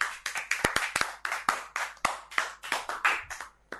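A group of children clapping their hands for a classmate, a fast, uneven patter of many sharp claps that keeps going steadily for a few seconds, with no talking over it.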